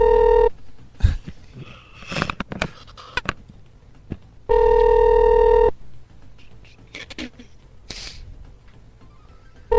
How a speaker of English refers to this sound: Your call is being answered by the guest. I hope there's two phones in the room and you hear it ring again.